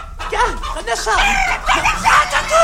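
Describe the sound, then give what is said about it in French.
A flock of hens clucks and squawks continuously, a busy overlapping chatter of short, rising and falling calls at fairly loud volume for a couple of seconds. “Petit, mets là mes cocottes.”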